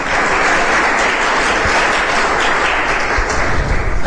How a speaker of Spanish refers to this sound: ¿Cuánto le pueden dar un aplauso fuerte a Jesucristo? ¡Qué bueno!